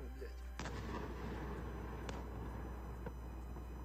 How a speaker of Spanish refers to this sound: Esas son las explosiones que se escuchaban esta pasada noche, que según el ejército y el alcalde de la ciudad han dejado varios edificios residenciales dañados.